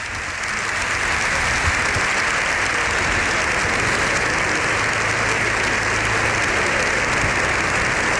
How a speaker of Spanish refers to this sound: Bueno, pues ahí tenemos el sonido del hemiciclo. Lo escuchamos los aplausos de Congreso y Senado en sesión conjunta. Las tribunas llenas también por las imágenes que estamos viendo.